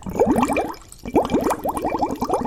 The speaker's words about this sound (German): Die Luft, die ich durch den Strohhalm puste, steigt in kleinen Luftbläschen nach oben an die Oberfläche und ergibt ein richtig schönes Blubbern. Oh, ich liebe dieses Geräusch.